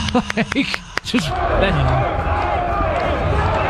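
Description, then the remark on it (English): A voice imitates a crowd: a few quick rhythmic vocal bursts and claps, then a sustained roaring cheer with wavering pitch that holds at steady loudness to the end. “I can do some crowd noise right now.”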